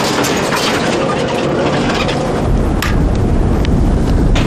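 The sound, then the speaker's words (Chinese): A loud, steady roar of strong wind batters the microphone on a mountain glacier, with scattered sharp ticks and patters of hail striking throughout. No voices are heard. “大风夹杂着冰雹，加大了工作的难度。”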